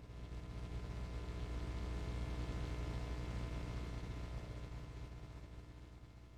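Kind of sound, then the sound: crowd, audience applause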